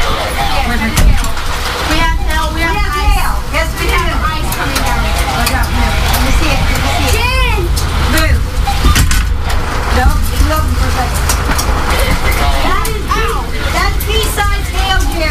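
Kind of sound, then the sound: nature, pea-sized hail falling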